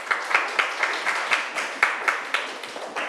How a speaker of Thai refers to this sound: เก่งมากค่ะปรบมือให้กลุ่ม2ค่ะ